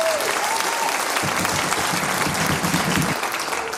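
An audience at a folklore programme showcase applauds steadily for the host's colleagues, a dense wash of clapping that stays loud and even for a few seconds with no voices standing out.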